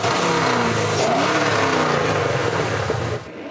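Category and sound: vehicle, muscle car engine revving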